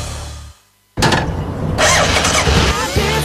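After a brief hush, a motorcycle engine fires up abruptly and roars, its loud, rough revving building and continuing to the end with no voices.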